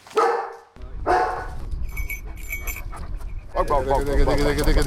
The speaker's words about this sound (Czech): Místo obvyklého ticha byl včera okolo Labské boudy v Krkonoších slyšet hlasitý štěkot.